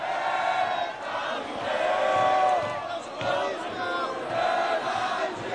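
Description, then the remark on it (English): A large crowd in Paris sings the French national anthem, the Marseillaise, in unison around midnight as the World Cup match between France and Morocco wraps up, a loud, sustained chorus of many voices that swells and dips steadily for several seconds. “As the game wraps up around midnight, the crowd sings the Marseillaise.”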